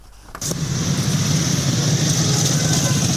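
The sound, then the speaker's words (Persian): A motorcycle engine catches after a brief quiet moment, then settles into a steady, fairly loud idling rumble with a faint high whine above it, no voices; a motorcycle ridden by a woman on a street in Iran. “موتورهای رنگی با کلاهای ایمنی ست. تصویر زنان موتور سوار در خیابانهای ایران دیگر اتفاق ناآشنایی نیست.”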